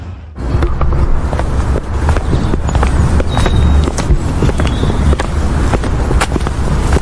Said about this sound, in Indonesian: Macet lagi. Padahal jaraknya gak sampai 1 km.